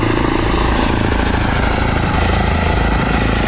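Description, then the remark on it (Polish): An electric airplane flying past gives a steady, whooshing propeller hum with a low throbbing undertone, holding constant throughout, with no voices. “No w porównaniu do helikoptera jest mega cichy.”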